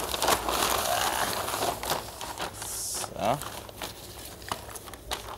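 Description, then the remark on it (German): Continuous crinkling and rustling of a paper sack from a feed kitchen as it is smeared with honey to make a sweet wrap, with sticky crackles as it is handled and rubbed; a single short word is spoken partway through. “Und zwar haben wir hier so Papiersäcke. Die kriegen wir aus unserer Futterküche immer. Dann schmiere ich das jetzt mit ein bisschen Honig ein.”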